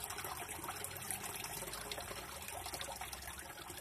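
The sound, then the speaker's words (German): Water trickles steadily in a fountain in the Ranft, flowing in three jets inward and three jets back outward; a continuous babbling splash with a bright, fizzy texture and no pauses, heard alone without any voices. “So wie im Labyrinth oder eben das Wasser in diesem Brunnen.”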